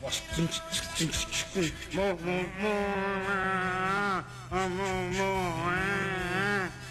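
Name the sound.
cow mooing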